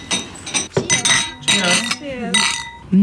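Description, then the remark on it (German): Glasses of Neuer Süßer, new sweet wine, clink together in a toast in Baden several times over a few seconds, bright ringing taps, with voices murmuring and chattering around them. “Cheers.”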